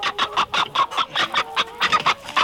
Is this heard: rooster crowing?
yes